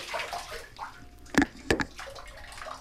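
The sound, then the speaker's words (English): A dog, Banjo, with its paws in a bathtub, splashing and sloshing water onto the floor, with a steady wash of watery noise broken by two sharp, loud splashes about a third of a second apart. No voices. “Get your paws out of the bathtub. You're getting water all over the floor.”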